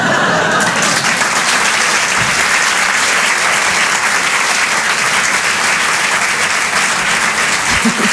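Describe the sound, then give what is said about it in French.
Loud, sustained audience applause for Sandrine Saroche, live on Rire et Chansons, fills the whole stretch, a dense wash of many hands clapping at a steady, unbroken intensity with no speech over it. “Applaudissements très forts, Sandrine Saroche sur Rire et Chansons, en direct et en live.”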